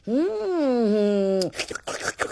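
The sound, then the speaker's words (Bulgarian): A long, steady voiced moan gives way to a quick run of wet, noisy slurps from a ladle and ragged tearing bites of meat, irregular and fairly loud, with no speech over them. “Фараона ту сърбал шумно от черпака, ту ръфал месото.”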